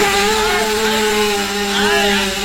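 A small motorbike engine, just started, runs at a steady idle, its buzzing drone holding an even pitch with slight wavering throughout. No one speaks.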